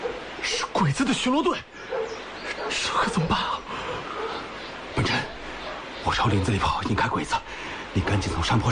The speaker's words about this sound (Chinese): 你仔细听，狗叫声里还有鬼子的叫声，是鬼子的巡逻队，这可怎么办啊？